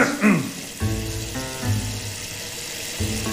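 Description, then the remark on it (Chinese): Running water splashes at a sink in bursts as someone washes, with sloshing and spattering that splashes water all over a person, swelling and easing over a few seconds before a final gush. “哎呦，我不是跟你客气，我这 溅了我一身水。”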